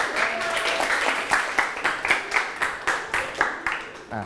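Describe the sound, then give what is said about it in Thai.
A small group of students in a classroom clapping together for a group of classmates, in a steady, fairly quick rhythm, the sharp claps overlapping into a light round of applause with faint background chatter. “กลุ่มที่5วันนี้กลุ่มที่5สมาชิกน้อยแต่ก็พริกขี้หนูเหมือนกันถือว่าเก่งตั้งใจกลุ่มที่5ก็มี5ยิ้มปรบมือให้ครับ”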